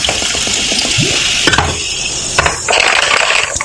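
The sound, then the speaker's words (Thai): A drink is poured into a glass with a steady, fizzing hiss, broken by a couple of sharp clinks partway through. Nobody speaks. “ขอ1แก้วให้กับแฟนๆสมาชิก BP Radio ทุกคนด้วยมาละนี่เนี่ยนี่เติมเข้าไป”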